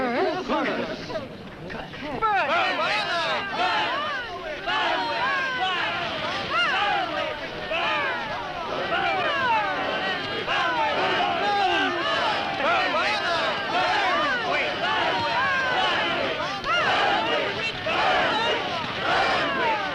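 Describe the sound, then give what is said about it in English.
An angry mob shouts and yells continuously, many overlapping voices rising and falling in a loud, frenzied clamor that barely lets up for the whole stretch: the people of Whitewood shouting "Burn, witch, burn" as they burn a witch in 1692. “So shouted the people of Whitewood when they burned Elizabeth Selwyn in 1692.”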